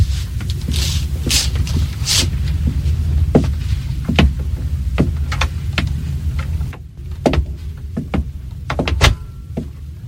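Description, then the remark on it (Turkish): A series of approaching footsteps thuds at a steady walking pace over a low, rumbling background, each step sharp, with no one speaking. “Ayak seslerini duyuyorum.”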